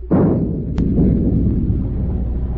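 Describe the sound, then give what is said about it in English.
A single heavy gun blast, a warning shot fired from a ship across the bow of a fleeing fishing boat, booms out suddenly. It is followed by a long low rumbling roar that keeps going, with a brief sharp crack shortly after the shot. No one speaks. “Fire a shot across the bow.”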